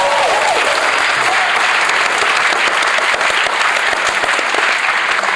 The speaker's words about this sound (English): Well, I think that deserves a round of applause myself.